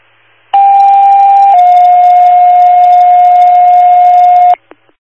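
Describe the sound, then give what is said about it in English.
An automatic fire alarm sounds at a station: a loud, steady electronic alarm tone blares continuously for about four seconds, dropping slightly in pitch early on, then cuts off abruptly, followed by a couple of faint clicks. “automatic fire alarm at your station.”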